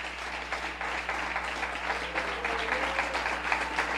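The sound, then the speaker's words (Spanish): A church audience claps steadily for Reverend José M. Cirino, a dense, sustained wash of applause that stays at an even, moderate level for several seconds with no voices standing out. “Y yo le pido que usted me le dé un aplauso al reverendo José M.”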